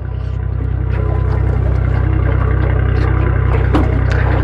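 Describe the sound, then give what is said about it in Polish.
A small aluminium boat's engine idles steadily, a constant low throbbing hum, with light knocks, splashes and rattles of handling around the hull as the helmsman casts off the boat and takes the helm. “Sternik nasz odcumowuje naszą łódkę. Zasiada za sterem.”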